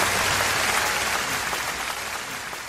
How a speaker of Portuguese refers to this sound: Pois é, amigo ouvinte, e foram palmas, não hajam dúvidas nenhumas, que bem merecidas